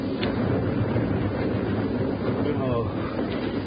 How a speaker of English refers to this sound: There's something to think about when the darkened hold of the yacht Chaucer pitched and rolled her way into the open sea.